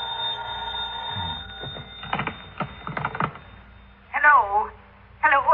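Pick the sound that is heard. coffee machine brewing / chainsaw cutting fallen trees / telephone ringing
telephone ringing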